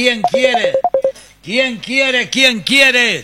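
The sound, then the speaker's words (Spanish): A rapid string of short electronic telephone beeps from an incoming call in the first second, loud, then a voice with swooping pitch takes over for the rest. “Está libre el teléfono. A ver, me llaman.”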